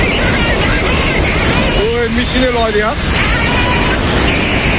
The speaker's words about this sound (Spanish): Fuera de España estamos pendientes de la frontera entre Nepal y China. Hay unas impresionantes riadas.